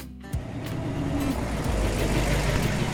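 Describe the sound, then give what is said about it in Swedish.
A steady rumble of a borrowed car rolling along sunny, wide, palm-lined roads through West Hollywood, with continuous low engine drone and tyre hiss filling the whole stretch after a brief quieter start. “har lånat sin kompis bil. Han kör genom West Hollywood.”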